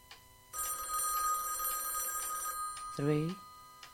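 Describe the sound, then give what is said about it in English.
An old-style telephone bell rings three times in a steady, trilling burst lasting about two seconds, clear, followed by a brief voice. “Three rings. Only three.”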